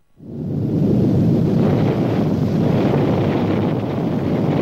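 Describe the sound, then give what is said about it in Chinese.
A deep, powerful rumble from China's first atomic bomb explosion, at Lop Nur in Xinjiang, China, at 3 p.m. on 16 October 1964, rises within a split second and holds as a steady, heavy roar, dense in the low end, with no voices present. “1964年10月16日下午3时，中国新疆罗布泊，中国第一颗原子弹在这里爆炸成功。这一声惊天动地的巨响过后”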